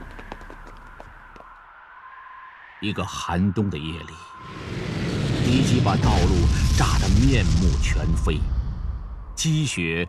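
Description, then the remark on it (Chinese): A low steady drone gives way to a loud, sustained roar of rumbling bomb blasts and enemy aircraft noise as a transport team comes ashore after wading an icy river in deep winter, with several voices shouting urgently through the din before it cuts off. “敌人的飞机就过来了，运输队跑步行军将近1公里，直到离开了危险地带，才顾上穿衣服。”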